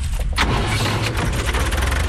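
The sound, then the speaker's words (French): A small farm tractor engine runs steadily among citrus orchards in the Peloponnese, Greece, a dense low rumble with a rhythmic chugging texture and no voices over it. “Au volant de son petit tracteur”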